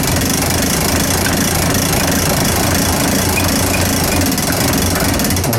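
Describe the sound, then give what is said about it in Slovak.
A clock weight being wound up while a small auxiliary weight keeps the clock running: a loud, continuous rapid clatter of ratcheting clicks from the winding mechanism, steady throughout with no pauses and no voices. “A teraz môžeme kľudne natiahnuť. A tým, že to funguje na to maličké závažie, tak hodina stále ide.”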